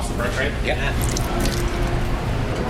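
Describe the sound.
A short wet sip and swallow of a pint of Sam Adams beer, with faint liquid squishes, heard over a steady low hum and indistinct murmuring voices.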